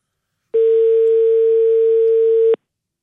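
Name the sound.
phone call ringback tone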